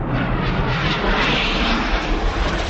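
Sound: airplane flying overhead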